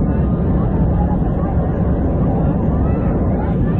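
A loud, steady roar of an airplane going down, a dense low rumble that holds at constant strength for the whole few seconds without any clear break or change.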